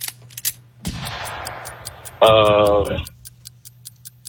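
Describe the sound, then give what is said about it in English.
A quiz countdown timer, 10 seconds per question, ticks in a fast, steady rhythm of sharp clicks, interrupted midway by a loud, brief buzzy tone, with faint background noise underneath. “Got the timer how, ready.”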